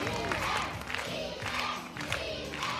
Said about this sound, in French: Chacun leur tour, les candidats défilent ainsi devant le jury et la foule en délire.